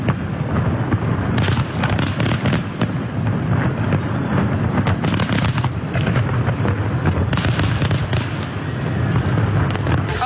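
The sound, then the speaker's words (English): Loud fireworks boom and crackle continuously at night during the annual fireworks night display over the water in Windsor, Essex, with repeated sharp bursts layered over a dense rumbling wash, sounding powerful throughout. “I love all those loud booms at night.”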